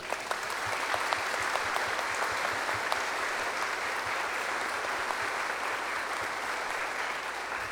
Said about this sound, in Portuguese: Então, às nossas famílias, uma salva de palmas.